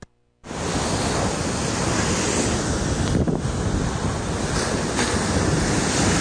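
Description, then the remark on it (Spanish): Ocean waves crash on the shore at Boca del Río during an unusually strong swell that has damaged restaurants, houses and an old church, in a loud, continuous roar of surf mixed with wind buffeting the microphone, cutting in abruptly after a brief moment of silence. No one speaks. “La antigua iglesia del Niño Dios Manuelito de Boca del Río está a punto de colapsar, ya que el mar está socavando su estructura y las avenidas principales se encuentran cubiertas de arena, al igual que 27 casas.”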